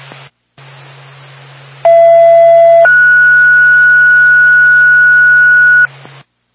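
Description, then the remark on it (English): A two-tone dispatch radio page from Twin State for the Woodsville Ambulance Backup Crew, second tone: a lower steady tone holds for about a second, then a higher tone sustains for roughly three seconds, loud over a hiss of radio static and a low hum. “Twin State, Woodsville Ambulance Backup Crew, second tone.”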